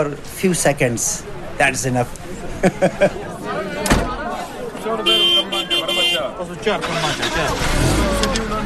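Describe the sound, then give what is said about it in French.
Buses parked in front of the Jamatkhana rumble to life and rev for departure as Ismaili worshippers board, some flying the Ismaili flag, amid a busy crowd of overlapping voices, with a sharp slam midway and a deeper engine drone building toward the end. “monte dans les bus garés devant la Jamatrana.”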